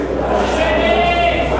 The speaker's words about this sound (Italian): Solita clac, Federico è l'unico che ha un coro personalizzato dai tifosi.